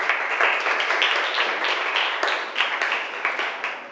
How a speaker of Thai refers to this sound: นักเรียนเก่งมากปรบมือให้เพื่อนหน่อยค่ะ